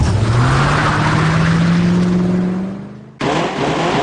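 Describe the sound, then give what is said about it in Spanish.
A taxi's engine revs up loudly with a steadily rising pitch as it accelerates away, easing off slightly before an abrupt cut into continuing road rumble; no one speaks. “¡Vámonos, que para luego es tarde! ¡Hey! ¡Taxi!”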